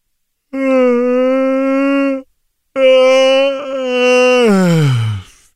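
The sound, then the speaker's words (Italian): Two long, drawn-out vocal yawns, each a steady moaning tone; the second swells, dips briefly, then slides downward in pitch as it trails off. No talking. “Infatti, se sbadigliassi adesso, vi verrà istintivo sbadigliare anche a voi.”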